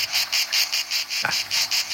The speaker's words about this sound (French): Les cigales. Les petites cigales, voilà, ouais. Les crickets, ouais.